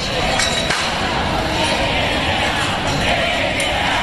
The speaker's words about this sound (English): Chants of Take It Down from crowds forming outside the Kennedy Center in Washington, D.C.